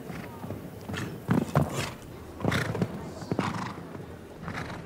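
horse hooves

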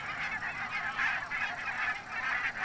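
barnacle geese honking

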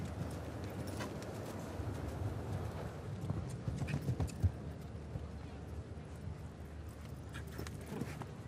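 horse hooves clip-clopping

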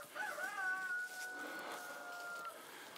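chickens

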